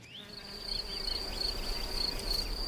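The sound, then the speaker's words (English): A steady, high-pitched insect buzz drones on, with a few wavering tones weaving beneath it, like several bees hovering around a nest, with no voices. “But not all bees favor wooden homes.”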